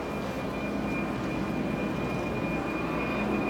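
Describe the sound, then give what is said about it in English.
A steady, broad roar of a jet aircraft passing overhead during a baseball game, loud and continuous for the whole stretch, with a faint high whine riding on top and no voices. “And once again, another jet flying over.”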